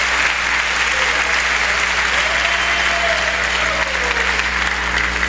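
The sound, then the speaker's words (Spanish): Sustained loud applause from a church audience applauding God, a dense steady wash of clapping that holds at full strength for the whole stretch without pausing, with a faint tone gliding briefly underneath. “Dele fuerte el aplauso a este Dios maravilloso.”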